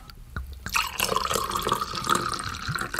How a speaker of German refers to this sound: Die Kennerinnen unter Ihnen haben es genau gehört. Das war feinster Wein aus dem Süden von Sachsen-Anhalt.